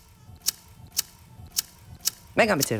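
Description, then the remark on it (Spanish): A lighter is flicked four times in a steady rhythm, each a sharp metallic click, before someone starts talking at the very end; the lighter is used in a stage play. “Venga, mechero.”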